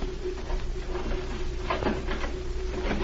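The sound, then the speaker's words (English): A door being opened: a short burst of rattling and creaking clatter around the middle, set against a steady low hum, with no voices. “Open the door.”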